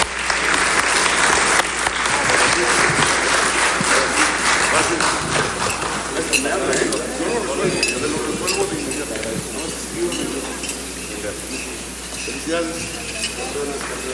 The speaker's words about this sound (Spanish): Así es que muchas felicidades, enhorabuena, y los vamos a despedir con un fuerte aplauso, porque nosotros nos vamos a quedar trabajando.